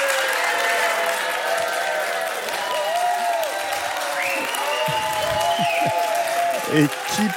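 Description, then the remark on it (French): An audience applauds steadily and fairly loudly to vote by applause for keeping the octopuses, with many voices whooping and cheering over the clapping throughout. “Et ça va être à l'applaudimètre.”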